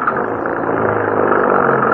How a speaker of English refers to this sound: Please, hurry. Get the car started. All right. All right, get inside. Maybe it'll go now. Let's hurry.